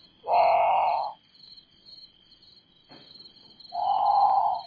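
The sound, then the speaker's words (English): A great potoo calls twice, loud, harsh, growling wails separated by a few seconds of quiet, while a steady high-pitched insect drone continues throughout in the background. “Okay, so that's the Grand Patu. It's haunting.”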